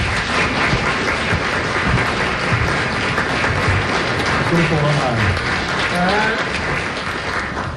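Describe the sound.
Sustained audience applause from a full festival hall at Førdehuset, a dense steady wash of many hands clapping at constant loudness throughout, with faint voices and a brief whoop rising through it.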